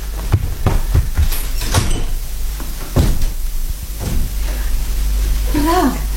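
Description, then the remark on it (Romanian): A series of sharp knocks and thumps rap out unevenly, followed by the clatter of a door being opened and a brief creaking squeak near the end, over a low steady hum. “Poliția nu bată la ușă, dă buzna.”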